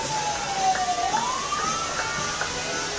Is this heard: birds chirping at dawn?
no